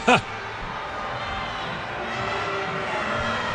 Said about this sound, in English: You can hear the grumbles by the crowd at Shell Energy Stadium